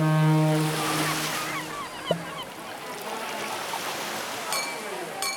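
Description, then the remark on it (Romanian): A steady wash of ocean surf rolls in. A deep horn blasts near the start, and faint bird calls chirp through the noisy seaside ambience. “Valurile spărgându-se de țărm, terasele pline de oameni.”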